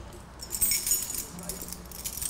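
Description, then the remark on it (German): Keys jangle with a bright metallic clinking that swells briefly and then settles into lighter rattling, moderately loud. “Schlüssel stört dich schon mal nicht.”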